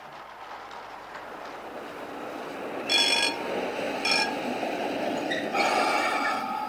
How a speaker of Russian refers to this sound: Я сел в трамвай. Кондуктор! Да, сэр? Этот трамвай идет за город? Да, последняя остановка отсюда за 2 мили. Спасибо, мне туда и надо. Трамвай тут открытый.